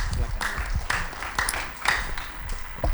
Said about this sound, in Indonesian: Untuk itu sekali lagi untuk memberikan semangat, tepuk tangan untuk kita semua, terima kasih.